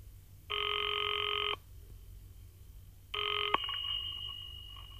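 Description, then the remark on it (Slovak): A telephone rings twice, a steady electronic trill about a second long, then a second ring cut short by a sharp click as the receiver is picked up, over a low background hum. “No, konečne vyzváňa.”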